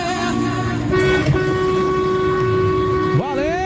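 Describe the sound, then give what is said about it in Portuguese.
Loud, sustained vehicle horns blaring together in long steady tones as people honk in celebration, overlapping one another, with a brief swooping horn sound near the end over a busy road background. “Um abraço, ó, povo buzinando, fazendo festa com a gente.”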